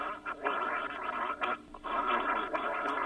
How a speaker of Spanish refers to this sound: No, no, no hable, haga, siga haciendo gárgaras. Eso empieza a salir un espumero porque está cortando la infección. Eso, siga tranquilo. No se la trague, siga haciendo gárgaras. Siga haciendo gárgaras, es un minuto.